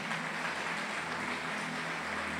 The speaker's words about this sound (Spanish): ¿Cuántos vencedores sabemos aquí en este lugar? Dele ese fuerte aplauso, amén.